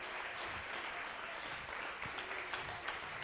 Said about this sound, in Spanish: Dale un aplauso. Aleluya. Gloria a Dios.